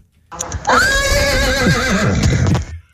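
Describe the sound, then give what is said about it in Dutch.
A person imitates a horse's whinny with a loud, sustained neighing call that wavers and trails off over a couple of seconds, with no speech alongside. “Maar ik kan dus ook heel goed een paard nou.”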